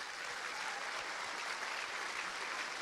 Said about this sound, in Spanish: Un aplauso al Señor.